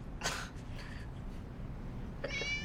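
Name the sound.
cat meowing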